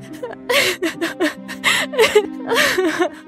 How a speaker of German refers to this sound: In diesem Moment begann die Prinzessin zu weinen.